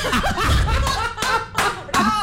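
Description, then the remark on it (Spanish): Scattered claps from a small group ring out in short, loud bursts, mixed with laughter and chattering voices throughout. “¿Por qué le aplaudís?”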